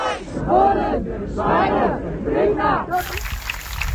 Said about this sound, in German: Das, was wir gerade hören, ist der Applaus, weil die eine Person vom orangenen Finger auf der B7 bei Frienstedt nun aus der ED-Behandlung freigelassen wurde und zurückgekehrt ist in den Demoaufzug.